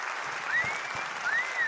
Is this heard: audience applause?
yes